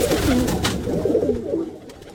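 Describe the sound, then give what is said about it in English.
Kept pigeons belonging to a pigeon keeper cooing in low, rolling, throaty calls that overlap and repeat steadily for about two seconds, fairly loud, with no talking. “I went through 17 women for my pigeons.”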